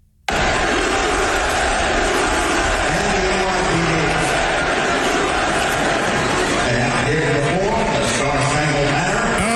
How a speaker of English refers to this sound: So you hear the USA, USA, USA the first time you see Trump.